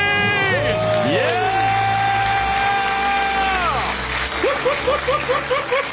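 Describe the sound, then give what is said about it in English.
A crowd cheers wildly after a debt-free scream. Loud, overlapping screams and whoops rise and fall together, then break into short, rhythmic repeated shouts near the end. “The crowd goes wild.”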